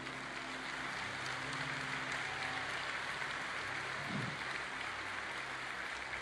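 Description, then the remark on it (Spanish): A crowd applauds steadily for several seconds, a dense, continuous patter of many hands clapping at once, with a faint low hum underneath and no voices. “Denle un mejor aplauso.”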